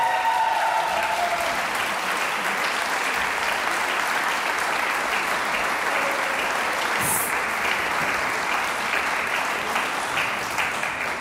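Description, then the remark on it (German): Sustained, dense applause from a large audience of fans at the Kärntner Landesjugendsingen 2026 in the Konzerthaus, after the Vocalinis of Volksschule St. Marein bei Wolfsberg sang their Ode an die Choralmbahn; a steady, loud wash of clapping with a brief bright whistle or cheer partway through and no speech. “Alle mit der Choralmbahn angereist, so viele Fans, das hört man gleich.”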